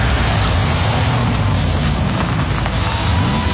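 A loud car engine roars steadily under a wash of road and wind noise, its low hum climbing in pitch toward the end as it accelerates. No one speaks.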